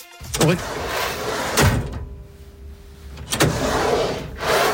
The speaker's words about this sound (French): Ouais, rangement, ça glisse. Alors, moi je pensais à quelque chose, mais peut-être que c'est pas ça. Est-ce que c'est un tiroir que l'on ouvre et que l'on ferme?